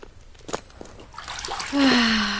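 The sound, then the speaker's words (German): Hot water splashes and sloshes in short bursts, then a steady stream pours into a wooden tub, its pitch rising as the tub fills. Fairly loud, with no voices. “Jetzt bist du mal dran mit Wasser schleppen”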